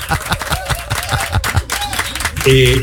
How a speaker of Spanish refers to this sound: Muy bien, espere, que eso merece un aplauso, espere.